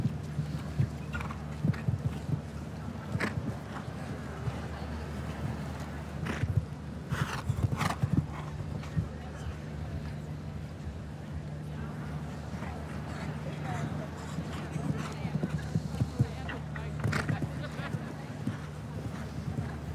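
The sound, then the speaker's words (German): A horse's hooves pound the ground in a quick, steady gallop as it approaches a triple bar jump at a show-jumping event in Hamburg, each thud clear, over a low constant hum and a faint murmur of voices. “Perfekt hier, wirklich angeritten auch diese Trippelbare.”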